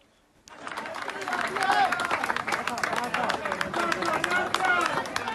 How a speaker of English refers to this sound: There was applause at one site in Cali when a woman was pulled out alive after a 16-hour operation to free her.